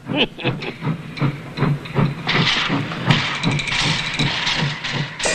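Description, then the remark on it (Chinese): A steam locomotive pulling into a station to take on water chuffs in a steady, heavy rhythm, its low beats joined midway by a loud, sustained hiss of escaping steam that continues to the end. “有一个火车头进站， 这里不准停车。”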